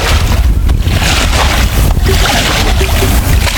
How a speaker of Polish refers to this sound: I doskonale słychać, że jesteśmy naprawdę nad Wisłą. Tak jest, ta woda jest prawdziwa, nie z proszku.